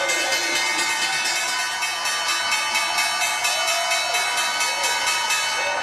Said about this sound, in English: The bell is bringing an end to the trading day at the NYSE, Medifast ringing the closing bell, and at the NASDAQ, SL Science closing out the trading day.